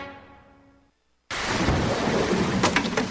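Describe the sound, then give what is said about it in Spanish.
A soft tonal passage fades into a brief silence, then a loud thunderstorm bursts in suddenly: steady, heavy rain hiss with rumbling thunder that continues to the end. “Se viene la época de lluvias y sabemos que los papeles, botellas o desechos lanzados a la calle pueden tapar los sumideros y causar inundaciones.”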